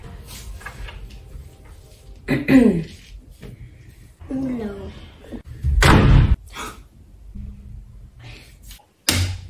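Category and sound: household object, door slamming shut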